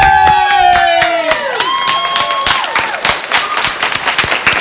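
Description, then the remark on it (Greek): A studio audience on Choice FM's Choice Breakfast radio show bursts into loud, steady applause, with dense overlapping claps throughout, while several pitched tones slide downward at the start like a descending whistle. “Αυτή τώρα που χειροκροτάνε είναι εδώ τώρα 2 χρόνια.”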